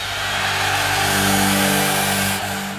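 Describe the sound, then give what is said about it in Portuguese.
A car engine runs loud, its steady throaty drone swelling slightly in the middle before easing off, like a brief revving burst from passing traffic, with no voices. “Trânsito.”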